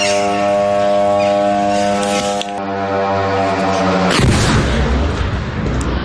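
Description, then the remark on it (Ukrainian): A steady, droning drone engine buzz holds for about four seconds, then a single loud explosion bursts out and gives way to a heavy, roaring rumble: a drone strike on the Lukoil Nizhegorodnefteorgsintez oil refinery in Kstovo, Nizhny Novgorod region, Russia, which caught fire. No one speaks. “Дрони, вибухи та палаюча НПЗ для жителів Кстово, а це Нижньогородська область, річ не нова. БПЛА знову долетіли до цілі.”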